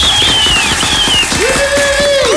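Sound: loud applause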